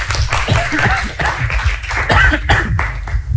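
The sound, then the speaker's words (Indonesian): An audience claps steadily for a few seconds, a dense spatter of overlapping hand claps at a fairly loud, even level, with no speech over it. “Tepuk tangan dulu.”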